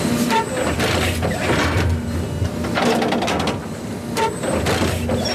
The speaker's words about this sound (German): Alle paar Sekunden fährt das Müllauto-große Gerät ein ganz klein bisschen weiter und sticht mit einer Reihe Nadeln in den Rasen vom Europaparkstadion.